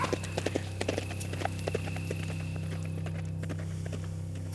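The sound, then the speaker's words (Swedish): The hooves of the horse Skorpan, being ridden home, clip-clop in a quick, uneven patter that thins out after the first couple of seconds, sharp knocks riding over a steady low hum, with no talking. “Kom nu, Skorpan. Så rider vi hem.”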